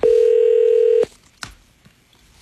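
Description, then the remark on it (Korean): A steady telephone tone holds for about a second, then stops, followed by a few short, sharp dialing beeps spaced apart, as a radio host dials a listener's phone number during a live broadcast. The sounds are clear, with no talking. “35번의 행운 숫자 주신 분, 이 번호를 주신 분께 전화를 일단 드려보겠습니다.”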